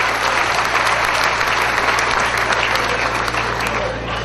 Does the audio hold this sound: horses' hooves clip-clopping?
no